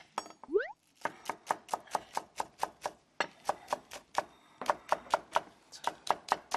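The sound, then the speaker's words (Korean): A knife thinly slices large green onions on a cutting board for a stir-fried fish cake dish, in quick, steady strokes, a run of sharp taps with a few short pauses between bursts, clear with no talking. “이 파는 송송 썰는 이 소리가 너무 좋은 것 같지 않아요?”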